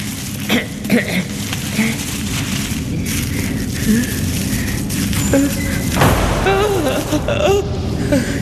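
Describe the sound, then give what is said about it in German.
A door bangs with several heavy, booming thuds spaced a few seconds apart over a dense, rumbling background, with faint voices. “Nur die Tür. Es war nur die Tür.”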